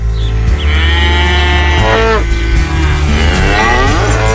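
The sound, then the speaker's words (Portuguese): A cow moos loudly, a long drawn-out low call that rises and wavers, followed by a second sustained moo, with no talking. “E a vaca mugiu.”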